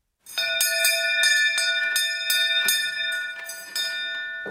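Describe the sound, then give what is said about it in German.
An old train conductor's hand bell, rung by a museum director, rings out in a quick, uneven run of about a dozen bright metallic clangs, loud, with a shimmering ring that carries between strikes. No one speaks. “läutet mit der alten Schaffnerglocke.”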